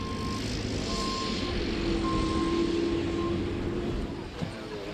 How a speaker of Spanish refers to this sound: Finalmente, para a recollida dos rulos, empregaron esta cargadora telescópica, un tipo de máquina cada vez máis presente nas explotacións gandeiras pola súa polivalencia para distintos traballos, tanto dentro como fora das naves do gando.